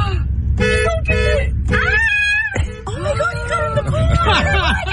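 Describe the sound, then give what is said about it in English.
A car horn blares in several short, uneven honks, then one longer blast, loud, as bears inside the car bump the horn, five bears having gone in; excited voices and background commotion throughout. “Yeah, they're bumping the horn while they're in there.”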